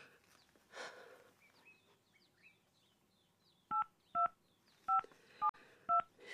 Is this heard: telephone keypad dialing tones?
yes